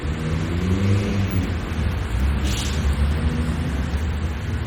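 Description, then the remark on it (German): Steady city street traffic rumbling past in front of Berlin Hauptbahnhof, between traffic lanes and tram tracks, with low engine drone and a car revving, a continuous loud wash of vehicle noise with no voices. “Vor dem Berliner Hauptbahnhof zwischen Fahrstreifen und Straßenbahnschienen beobachtet Polizeihauptkommissar Müller den Verkehr.”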